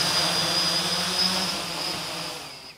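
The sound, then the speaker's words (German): A steady, high-pitched whine of a small drone test-flying in a cage at a drone research site in Braunschweig, its buzzing rotors holding a constant tone with a sharp harmonic, filling the whole moment without any voices. “testen im Labor und dann schnell hier im Käfig einfach gefahrlos Probe fliegen”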